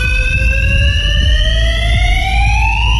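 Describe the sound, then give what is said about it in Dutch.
A fire alarm blares in a parking garage in Lelystad, where it has sounded for weeks: a loud, steady electronic tone whose pitch slowly creeps upward, sounding continuously over a low background rumble with no one speaking. “Een brandalarm, zoals je hoort.”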